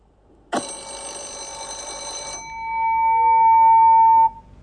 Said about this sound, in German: Es klingelt zur Schulstunde, doch die Schüler werden nicht von einem Lehrer, sondern von einer künstlichen Intelligenz begrüßt.